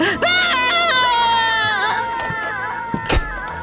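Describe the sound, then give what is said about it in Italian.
Loud, shrill screaming and wailing cries rise and fall in pitch for several seconds without a break, intense, ending with a few sharp sobbing bursts. “Che grida!”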